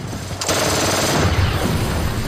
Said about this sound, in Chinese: 他把车一直开到了跑道中间，两边停着各种飞机，我们用双管维克斯一路扫射。